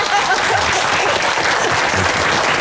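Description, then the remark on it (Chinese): A crowd applauds steadily to welcome Director Liao as he arrives, a dense continuous patter of many hands clapping at an even, loud level for a few seconds, with no voices standing out. “廖主任来了，来来来，我们给廖主任鼓掌。”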